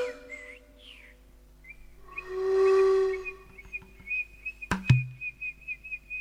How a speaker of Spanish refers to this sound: Ya el canto de los zorzales saludaba al sol que asomaba entre las ramas.